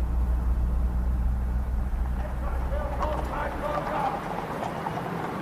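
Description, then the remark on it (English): Horses' hooves clip-clop in a steady, uneven patter on hard ground at Horse Guards Parade, over a low constant rumble with faint murmuring voices in the background. “Oh, aren't the horses lovely?”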